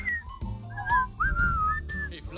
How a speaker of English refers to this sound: I can't get that song out of my head now. Oh, and I want to hear you. Can you whistle? Oh, yeah.